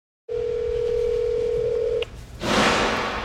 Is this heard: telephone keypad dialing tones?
yes